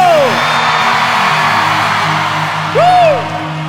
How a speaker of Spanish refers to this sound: Yo quiero escuchar un grito, México.